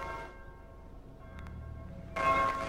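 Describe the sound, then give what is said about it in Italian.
A church bell rings for the Angelus at midday, one stroke fading into a long, humming resonance before a second clang rings out, fairly quiet, with no voices. “È solo la campana della chiesa. Suona per l'Angelus. È mezzogiorno.”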